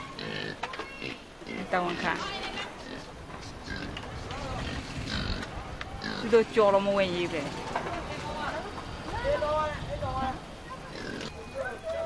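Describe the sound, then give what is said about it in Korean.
Pigs in a pigsty beside a house with a fish pond in Myanmar grunt and oink, a busy, overlapping stream of snorts and short squeals that continues throughout without pause. “돼지우리도 있습니다.”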